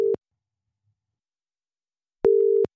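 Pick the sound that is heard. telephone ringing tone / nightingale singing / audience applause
telephone ringing tone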